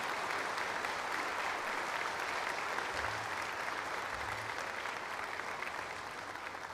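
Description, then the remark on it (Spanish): A church audience claps steadily in a sustained, dense burst of applause for Saint Anthony of Padua on his feast day, holding level for several seconds before easing slightly at the end. “Vamos a darle un fuerte aplauso a San Antonio de Padua hoy en este día tan grande para nosotros.”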